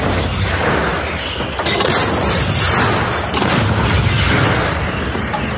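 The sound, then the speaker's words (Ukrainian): An artillery gun at a firing position fires successive shots, a first followed by a second, third and fourth: sharp, loud reports punctuate a dense, continuous rumble of booming noise, sounding heavy throughout. “За першим пострілом другий, третій і четвертий. Постріл!”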